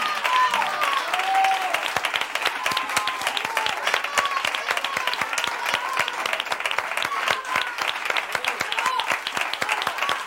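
Sustained audience applause fills the whole stretch, a dense, steady patter of many hands clapping at an even loudness, with a few faint cheers or whistles rising above it.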